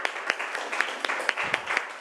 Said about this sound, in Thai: ขอเสียงปรบมือให้เพื่อนจากกลุ่มที่4ค่ะ